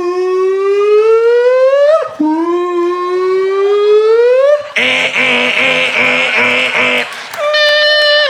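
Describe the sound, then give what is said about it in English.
A car alarm going off outside late at night blares, cycling through two long rising whoops, then a rapid pulsing electronic beep, then a steady high tone. It is loud and continuous, with no one talking. “It's late at night and you're laying there and all of a sudden, outside, you hear a car alarm go off for like 46 minutes.”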